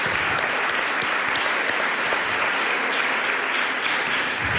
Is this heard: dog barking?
no